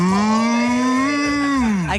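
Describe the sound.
A person imitates a cow with a long, loud, sustained moo lasting about two seconds, steady in pitch before rising slightly and cutting off at the end.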